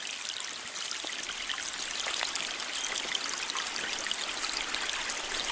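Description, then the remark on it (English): A small creek of murky stormwater runoff in a park runs steadily over bright orange rocks, a continuous babble of bright splashing and trickling with tiny gurgles scattered throughout, and no voices. “I scurried down a large dirt hill, and before me was a little flowing stream of murky water, bouncing between bright orange rocks.”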